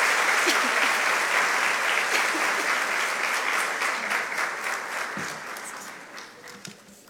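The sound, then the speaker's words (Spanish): Sustained applause from an audience for an important award, a dense crackle of many hands clapping that holds steady and then gradually thins and fades toward the end. “Fuertes los aplausos por este importante reconocimiento.”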